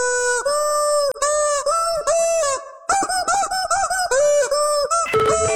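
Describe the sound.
A classic rock song melody rendered entirely in loud, squawking chicken-like clucks for a guess-the-song challenge on KZ106, Chattanooga's Classic Rock station, each note a sharp squeaky burst in a steady rhythmic sequence, with a brief pause midway and a scrambled flurry at the end.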